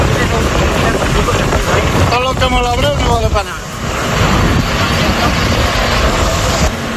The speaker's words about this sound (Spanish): ¿Escucha? Mira el helicóptero donde está echando. La escena que escuchas es la de una columna de tractores que avanza intentando crear nuevos cortafuegos,